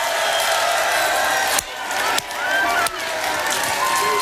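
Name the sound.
stadium crowd cheering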